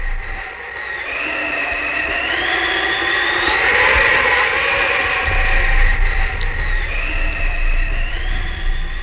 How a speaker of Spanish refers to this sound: ¿Por qué ese ruido de nieve y viento, abuela? Son las abejas blancas haciendo su nido.